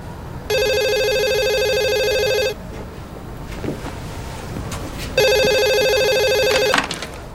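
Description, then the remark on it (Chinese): A telephone rings in two loud electronic bursts, each about two seconds long with a pause between them, over a low background hum and no talking. “哎，妈，是明忠的电话 啊。”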